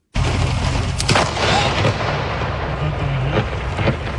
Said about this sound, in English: That's the sound from a dramatic moment near Burrard and 4th in Vancouver. Multiple thunderbolts overnight created incredibly loud boom sounds and bright light flashes that could light up rooms. The thunder also came with heavy rain in some areas.